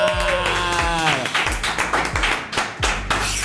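A burst of studio applause in the 949 Radio booth welcoming a guest, a loud dense wash of clapping, layered with sliding musical tones and repeated deep thumps for a few seconds, with no voices over it.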